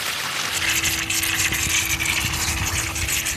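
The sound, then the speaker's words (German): Water gushes out of a hydrant opened at its middle outlet in a loud, steady rush, with a constant low mechanical hum running underneath throughout. “In der Mitte auf, jetzt spritzt das Wasser raus hier.”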